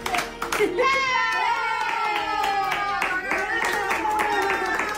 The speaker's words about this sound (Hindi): Noodle नस्ल के इस कुत्ते का नाम कोपिटो है। जब परिवार के सदस्य उसके लिए स्पेनिश में हैप्पी बर्थडे गाना शुरू करते हैं, कोपिटो खुशी से अपनी पूंछ हिलाने लगता है और अपने छोटे छोटे पंजों से तालियां बजाने लगता है।